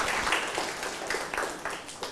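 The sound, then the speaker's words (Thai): A group of schoolchildren in a classroom clap steadily together for a classmate who answered a fractions question correctly, a dense patter of many hands with a few sharper claps standing out, lasting the whole couple of seconds at a moderate level. “ถูกต้องครับปรบมือให้เพื่อนหน่อยครับ”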